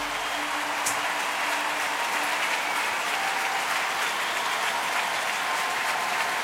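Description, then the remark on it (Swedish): A large, full-house audience in the Wiener Stadthalle arena in Vienna, Austria, claps steadily and loudly in the evening, a dense, sustained wash of applause with no break or pause. “Populärt i publiken, det ser ut att vara fullsatt här ikväll i Wien Stadthalle arenan”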